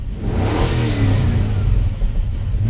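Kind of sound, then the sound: vehicle, car engine revving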